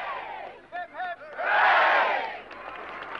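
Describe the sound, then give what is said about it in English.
A crowd in an army town in Berkshire cheers and whoops, welcoming home Olympic pentathlon gold medallist Sergeant Jim Fox, with a few high voices calling out before the cheering swells into a loud, sustained roar that then fades back. “One member of the pentathlon team, Sergeant Jim Fox, was given a rapturous welcome when he returned to his army town in Berkshire to show off his gold medal.”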